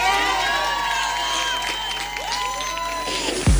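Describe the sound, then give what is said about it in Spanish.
A large audience claps and cheers continuously, with many voices whooping and shouting over dense, steady applause that stays loud throughout before a brief thump at the very end. “Otro aplauso para la”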